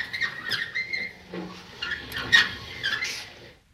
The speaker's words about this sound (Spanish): De pronto, empezamos a notar a nuestras espaldas un ruido chirriante, penetrante, molesto. Alguien o algo rodaba detrás nuestro.